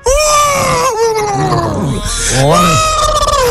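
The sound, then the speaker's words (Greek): A person imitates a horse's whinny: a loud, high, strained voice that slides downward and wavers, then rises again into a shaky, trembling finish over roughly three and a half seconds. “Σιγάβρε χλιμητρίζεις.”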